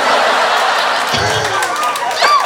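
Sharp human whistles rise and fall in pitch over a steady wash of noisy crowd chatter, with a loud swooping whistle near the end.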